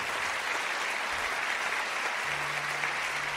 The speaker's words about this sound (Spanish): Dale un aplauso al que está cerca, al que está allá arriba en los cielos. Pero fuerte, fuerte, fuerte.